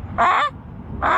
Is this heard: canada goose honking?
yes